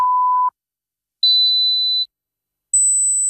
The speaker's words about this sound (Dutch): Hoorde u geen 3 piepjes zojuist?